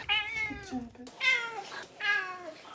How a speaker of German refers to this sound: Das Einzige, was ein bisschen schwierig ist, ist halt dadurch, dass sie daran gewöhnt ist, zu miauen und Futter zu bekommen, miaut sie halt wirklich sehr viel.